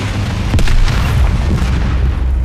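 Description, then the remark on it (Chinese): A landmine explosion: a loud, deep boom with a sharp onset, followed by a heavy, sustained low rumble and broad roaring noise that holds for a couple of seconds. No voices. “是地雷，在管两方向。”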